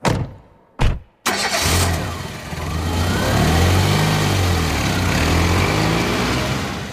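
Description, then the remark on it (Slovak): A taxi's engine turns over after a couple of short bursts, then runs steadily as the taxi sets off for the airport, a low humming drone with slight swells in revs and no voices. “S batožinou a s koberčekom vyrazil taxíkom na letisko.”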